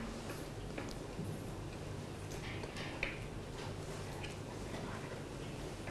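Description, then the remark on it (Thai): A fan blade lock being twisted counterclockwise until tight to lock the fan blade in place gives a few faint, irregular plastic clicks and ticks over a steady low background hiss with no talking. “หลังจากนั้นนำตัวล็อกมาล็อกใบพัดไว้ครับจะต้องหมุนทวนเข็มนาฬิกาครับ”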